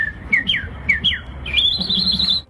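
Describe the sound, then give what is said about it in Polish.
A person whistles bird-like trills and chirps at a bird-imitation contest: several short rising-falling warbles, then a longer sustained quavering trill, clear over faint background noise. “Ptasie trele wychodzące z ludzkich ust budzą entuzjazmę.”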